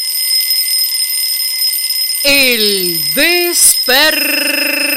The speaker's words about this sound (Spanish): Despertador.